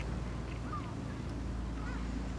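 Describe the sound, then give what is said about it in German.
A small motorboat's engine drones steadily in a low, continuous chug as it goes through a lagoon in the morning, shortly before the ebb tide, with a dog aboard; a couple of faint bird calls and some wind noise over open water. “der mit seinem Hund Flasher morgens durch die Lagune tuckert, kurz bevor die Ebbe das Wasser schluckt.”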